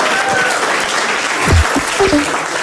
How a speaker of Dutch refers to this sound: Applaus voor Toby Alderweireld.